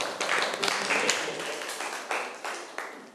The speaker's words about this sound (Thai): ครับถูกต้องครับปรบมือเพื่อนหน่อยครับ